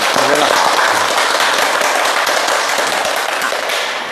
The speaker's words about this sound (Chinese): 我们掌声欢迎。